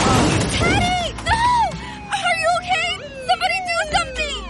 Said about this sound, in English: Was this young man hit by a car? Yes, and his helmet is smashed. It's a brand new helmet.